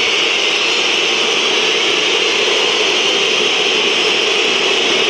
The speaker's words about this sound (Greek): Ακούτε τις αποδοκιμασίες μέσα στις οποίες προσπαθεί να αναπτυχθεί η ΛΑΣΚ.